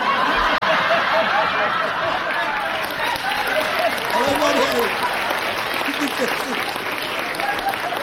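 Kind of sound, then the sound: crowd, audience applause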